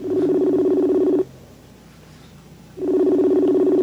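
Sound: phone ringing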